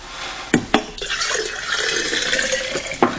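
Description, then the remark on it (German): Warm drinking water is poured out in a steady splashing stream lasting a couple of seconds, framed by a few sharp knocks like a glass or bowl being handled. “Und ein krokühles Wasser bringe ich dir auch noch. Deins ist ja schon ganz warm. Das schütte ich aus.”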